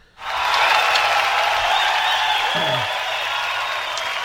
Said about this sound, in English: Right. It was a big applause, that wasn't it? It was a very big applause. Big applause. Big applause.